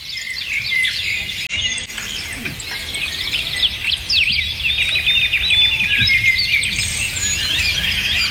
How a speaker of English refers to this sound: So as you're driving to work, let's take you outside where the birds can sing to you. 10 minutes of this should de-stress you.